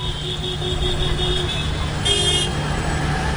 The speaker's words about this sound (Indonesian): Mas, ramai sekali ya jalan hari ini. Mobil dan motor seakan tak pernah berhenti. Gimana ini? Iya, kota memang selalu sibuk.